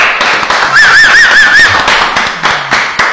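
A dense, steady patter of studio audience applause for a band on a radio show fills the whole three seconds, with a short, bright warbling whistle rising and falling over it near the start.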